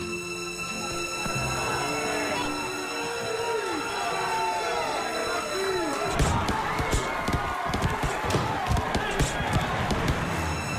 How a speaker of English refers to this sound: Slap of leather against wet skin. The thud of muscle and bone in collision with muscle and bone. There is blood and sweat and bitter tears as these warriors face each other in brutal combat.